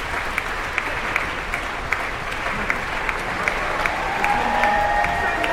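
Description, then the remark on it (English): Steady, sustained applause from a large audience for the Detroit Symphony as the double basses stand. The clapping is dense throughout, with a few sharper claps standing out and faint murmurs or whistles near the end. “Double basses on their feet now, acknowledging the applause from the audience.”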